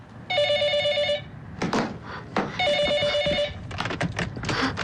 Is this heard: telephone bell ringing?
yes